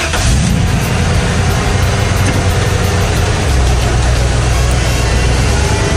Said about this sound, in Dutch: Die vrachtwagen. Hoor je dat voorbij komen?